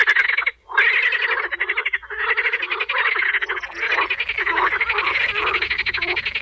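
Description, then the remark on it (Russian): A dense chorus of frogs, newly woken from winter hibernation in late April, croaking continuously, many overlapping rapid pulsing calls, loud, with a brief dip near the start before the chorus swells again. “Лягушки квакают целый хор.”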